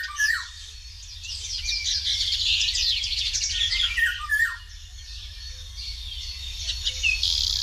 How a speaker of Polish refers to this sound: Tak właśnie brzmi wilga, szanowni państwo.